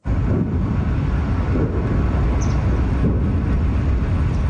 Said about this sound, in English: Distant explosions rumble through the air just south of Moscow following one of Ukraine's largest drone attacks of the war.